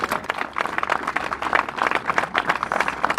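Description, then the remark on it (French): A crowd applauds steadily, many hands clapping in a dense, continuous patter that holds at an even, fairly loud level throughout, with no voices standing out, applauding once more the people who took on a project's challenges on the front line. “Donc je voudrais que voilà, on prenne conscience de tout ça et qu'on les applaudisse encore une fois parce que c'est eux qui ont relevé en première ligne tous ces défis.”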